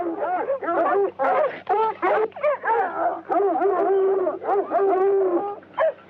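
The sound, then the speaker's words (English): A dog yelps and whimpers in a rapid run of short, high, whining cries and barks, loud, with a low steady hum underneath. “Here, Paul, take his dog.”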